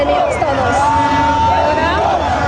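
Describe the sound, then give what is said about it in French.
A dense outdoor crowd roars and cheers continuously, celebrating a Mexico home football victory on Avenida Reforma by the Angel of Victory monument, with overlapping shouts, whistles and wavering voices blending into a loud, steady celebratory din, with traffic underneath. “Et toute l'après-midi, la foule a continué à jubiler sur l'avenue Reforma auprès de l'ange de la victoire.”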